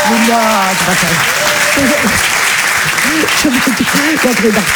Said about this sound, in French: Allez, applaudissez-la très fort, Mado la niçoise.